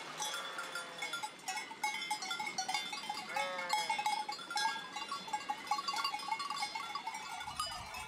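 A flock of sheep and lambs on a mountain trek up a stony path bleating over and over, high and low voices overlapping, with steady jingling bells ringing throughout and no talking.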